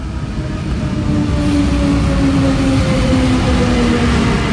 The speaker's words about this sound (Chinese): 在开罗东部，由中企参与承建的斋月十日城市郊铁路正把开罗和它的新首都连在一起。这是埃及第一条电气化市域铁路，全长约70公里，通车至今安全运行约1500天，运送乘客超过2200万人次。